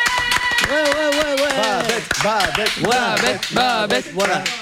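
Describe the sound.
Audience applause for a guest from Paris: a steady run of sharp, overlapping claps, loud throughout, mixed with voices calling out and cheering in rising and falling tones.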